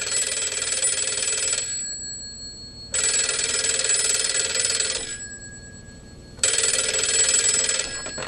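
A telephone rings in a person's room, three times in even bursts, each a bright, buzzing trill lasting about a second and a half with short pauses between, loud, with no voices.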